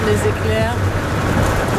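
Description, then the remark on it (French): Heavy rain and gusting wind of a thunderstorm roar in a dense, steady wash of noise, with a muffled voice faintly audible beneath the storm. “Là, il y a la pluie, le vent...”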